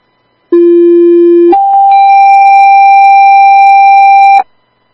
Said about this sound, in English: I'm going to need one more ambulance. Do you want to give Cataraugus a tone out?